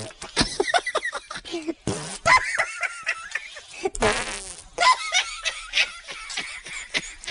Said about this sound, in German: Die Hefen und die Bakterien essen den Zucker, der im Mehl ist, und verdauen ihn. Dabei pupsen sie ein Gas aus, CO2.